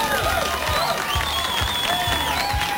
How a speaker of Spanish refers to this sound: Hombre, que están siempre desde las 2 de la mañana allí trabajando fuerte y se merecen un fuerte aplauso.